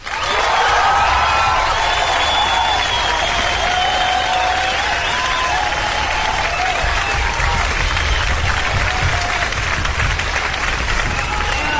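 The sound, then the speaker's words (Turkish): Steady, dense applause played as a special welcome for a listener, filling the whole stretch, a continuous loud crackle with no pauses, joined by a few faint wavering tones in the background. “Hemen müziği kapatalım bu alkışlar.”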